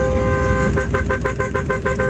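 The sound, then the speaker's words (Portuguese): A car horn blares in a sustained tone, then breaks into a quick run of rhythmic repeated honks over a low engine rumble, loud; taxi drivers in Sorocaba honking at 4:34 a.m. “Ó, 4h34 da manhã, o povo buzinando.”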